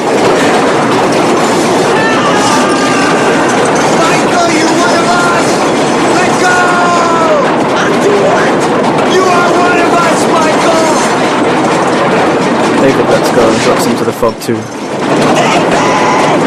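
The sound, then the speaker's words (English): A loud train rattles and clatters steadily across a bridge, a dense rumbling roar with metallic clacking that continues throughout while a person speaks over it. “as the train rattles and shakes the whole bridge.”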